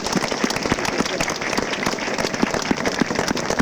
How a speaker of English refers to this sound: Can we clap to Jesus?